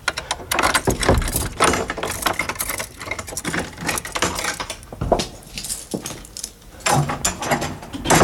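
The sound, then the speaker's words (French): Keys jangle and a lock clicks and rattles before the door of George Sand's house on her estate at Nohant creaks open, a sequence of metallic scrapes and clunks with no voices. “Ça donne drôlement envie d'aller dans le domaine de Georges Sand à Nohant, d'ouvrir les portes de la maison.”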